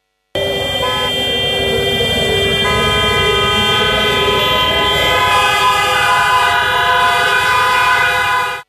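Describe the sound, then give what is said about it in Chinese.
An air raid siren sounds a long, steady, loud tone over the city at 9:18 a.m. on the 95th anniversary of the September 18 Incident, layered with other sustained horn-like blasts and a low rumble of traffic as vehicles stop, with no one speaking. “上午9时18分，防空警报划破我市城市上空，川流不息的街头似乎被按下了暂停键，路面执勤交警脱帽默哀，车辆纷纷停下”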